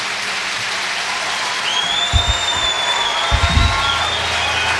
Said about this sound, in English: You have been a terrific audience. Thank you so much. Big applause for the guys on stage.